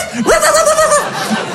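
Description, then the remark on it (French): A man, standing behind a door, imitates a dog's bark: one loud, drawn-out, yelping woof that rises sharply and holds for under a second, followed by a faint short vocal sound. “Mais instinctivement, je me suis mis comme ça derrière la porte, ok? Et j'ai aboyé.”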